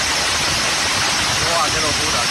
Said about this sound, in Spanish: Es, por ejemplo, el sonido ayer en Tarragona, donde cayó pedrisco de hasta 5 centímetros.